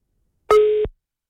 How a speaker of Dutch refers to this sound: Het klonk alsof je weggedrukt werd, moet ik zeggen.